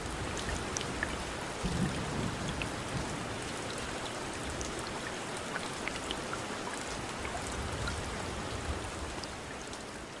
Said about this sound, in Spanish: Y está en la costa pacífica colombiana. ¡Uf! Empezó a llover de nuevo.